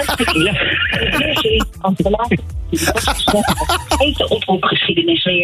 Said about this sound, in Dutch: Sorry, kan je dat herhalen? Kan je dat herhalen, vraagt je auto.